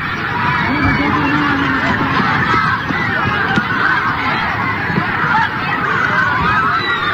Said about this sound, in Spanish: Ahí se escuchan los gritos de pánico de estos jóvenes de un centro bachillerato muy cercano al lugar donde explotó estos depósitos.